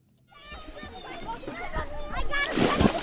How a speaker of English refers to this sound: Dozens of kids splash in a pond tucked among trees. It's one of three ponds at Hale Education, which runs a summer camp in Westwood with miles of trails to explore.